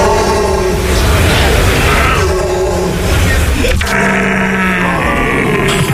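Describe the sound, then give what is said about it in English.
A person imitates a rutting stag as a contender for Stag of the Year in Germany, bellowing a loud, continuous series of harsh, low groans and grunts that rise into strained roaring wails, with a steady rasping tone throughout. “It's an eclectic mix of groans, grunts and wails, each one designed to be as close to the sound of the animal as possible.”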